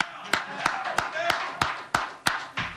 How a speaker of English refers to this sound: We clap for Jose. I know a lot of you guys can't because you're in the media and you got to be neutral, but I'm going to clap for Jose.